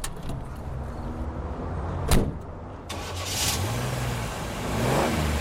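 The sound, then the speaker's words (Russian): A truck engine idles, a door slams shut partway through as a man gets into the cab, then the motor revs up with rising, strained pitch sweeps. Fairly loud, with no voices. “Мы со Степкой остановились за кузовом машины. Гитарист садился в кабинку.”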